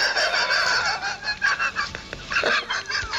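A breeding hen named Agathe clucks in a busy, continuous stream of short calls, fairly loud, with no talking over it.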